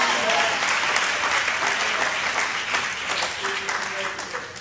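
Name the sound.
audience clapping hands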